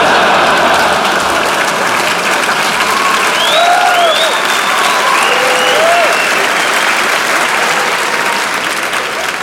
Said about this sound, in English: Yeah, clap it up.